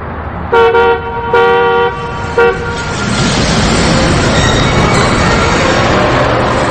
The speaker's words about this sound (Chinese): 上校听这喇叭声像个暗号，浑身一激灵，这种声音对他仿佛刺激很大，似乎在哪儿听到过。